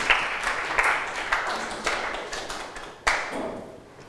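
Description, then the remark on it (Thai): Students in a classroom applaud a classmate who demonstrated how to refuse drugs, a dense, steady patter of many hands that holds for several seconds with a few sharper claps standing out, moderately loud and without speech. “ขอเสียงปรบมือเพื่อนเลยครับ”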